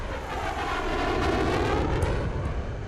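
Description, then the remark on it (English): An F-35 Lightning fighter jet's engine roars loudly and steadily, a dense rushing blast with a whining tone that shifts slightly in pitch as the aircraft passes. No voices. “F-35 闪电配备威力强大的四管25毫米机炮，可执行对地攻击任务。”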